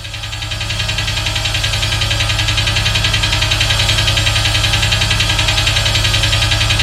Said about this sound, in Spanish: saca esa música, me asusta. Yo pensé que estaba temblando. Uy, se me aceleró el corazón.